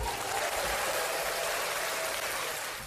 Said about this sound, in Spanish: Nos falta el veredicto. No puede ser nada más que, bueno, todo el mundo de pie aplaudiendo como locos.